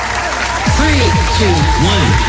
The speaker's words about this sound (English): Today we'll give you a cheer.